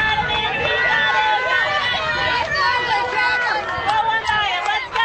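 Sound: baseball crowd cheering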